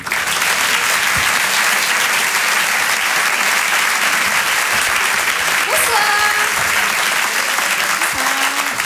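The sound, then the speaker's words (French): Sustained audience applause for a comedian and former journalist as she is introduced on stage, a dense steady wash of clapping at constant loudness for several seconds, with a few faint whistles or cheers rising above it. “Je vous demande, pardon, de l'applaudir très fort s'il vous plaît.”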